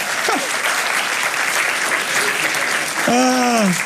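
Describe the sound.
Steady, dense applause from an audience fills the whole stretch, loud and continuous, with a voice rising over the clapping near the end.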